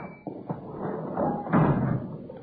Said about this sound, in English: Oh, yeah, got to shove that door hard. Sticks a little. Yeah, I'll get it.